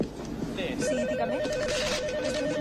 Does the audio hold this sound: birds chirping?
no